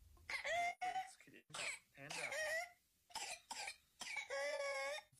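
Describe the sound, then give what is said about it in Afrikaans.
A whooping cough (pertussis) fit: a quick series of harsh coughs broken by shrill, strained whooping gasps for breath, fairly loud, with no one talking. “Maar so klink 'n kinkhoes hoes.”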